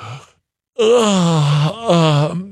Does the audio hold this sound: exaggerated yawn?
yes